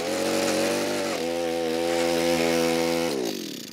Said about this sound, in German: Ja, du kannst mir einfach gerne bei den Zaunelementen helfen. Dann müssen wir da gleich ein bisschen bohren und buddeln.